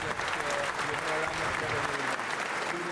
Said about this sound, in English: A rare sign of emotion from Keir Starmer, and a standing ovation ended his tumultuous 2 years in Number 10.